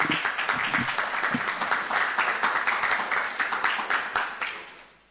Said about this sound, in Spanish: Así que con este aplauso recibimos a Eduardo Palacio.